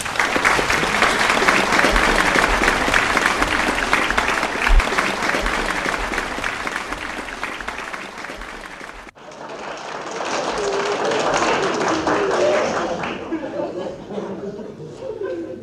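A crowd applauds steadily and loudly for about nine seconds after a presentation of what is called the world's longest fingernail, then the clapping thins as laughter and chatter rise, fading toward the end.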